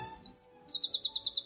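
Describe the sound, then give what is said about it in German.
A Eurasian wren sings loudly: a few high, thin whistled notes sliding together, then a rapid, even trill of bright repeated pulses running to the end. “Mit dem Trill auch so. Brrr. Zaunkönig.”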